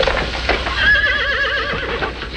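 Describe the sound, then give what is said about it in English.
A mare whinnies loudly, her wavering, quavering call rising and falling for a couple of seconds, with faint hoof clatter underneath. “You said make her look like different horse.”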